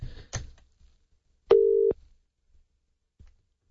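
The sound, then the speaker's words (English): A few soft clicks, then one loud, steady electronic telephone ringing tone lasting under half a second, followed by quiet and a faint click, as an outgoing phone call to the speaker's wife connects. “I should probably say call you on air”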